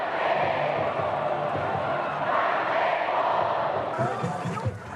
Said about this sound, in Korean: 드디어 경기가 시작됐습니다. 열띤 응원전에 막이 오르고 승리를 기원하는 양팀의 우렁찬 응원. 야구장은 순식간에 함성으로 가득 차오릅니다.